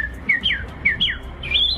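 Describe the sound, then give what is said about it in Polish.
A person imitates bird trills with a quick series of high, whistled chirps that swoop up and down, clear, with no talking. “Ptasie trele wychodzące z ludzkich ust budzą entuzjazm.”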